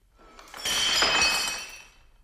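A long-necked ceramic jug from Baku smashes and shatters in one sharp, loud crash, bright ringing fragments scattering for about a second before fading out. Nobody speaks.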